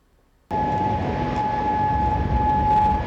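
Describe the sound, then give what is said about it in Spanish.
An air raid siren in Kuwait or Bahrain, sounding as Iran launches attacks on Persian Gulf countries, starts abruptly after a brief quiet moment and sounds loudly and steadily, holding a sustained tone over a dense rumble of background noise. “Las sirenas se han escuchado en Kuwait, en Bahrein.”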